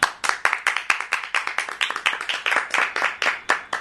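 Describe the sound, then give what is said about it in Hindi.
A group of children claps at their teacher's request, in a quick, fairly steady rhythm, sharp bright slaps repeating many times over a few seconds with no talking. “चलो ताली बजाओ इस बात के लिए।”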